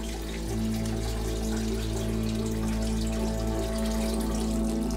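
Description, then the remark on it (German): Steady running water flows continuously from one of the few underground springs in the village of Dingli on an island, 100 to 200 millilitres per second, first used by the Romans: a constant trickling rush with a low humming undertone, no voices present. “Diese Quelle führt 100 bis 200 Milliliter pro Sekunde, dauerhaft, seit Jahrtausenden.”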